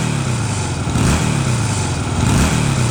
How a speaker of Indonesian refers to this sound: Hei, motor baru nih bos, custom lagi.